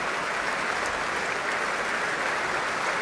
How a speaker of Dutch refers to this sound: En dat hij hier in Amsterdam heel geliefd is. Dat mogen blijken uit dit grote applaus voor Fabio Luisi. En natuurlijk ook voor de muzici van het orkest.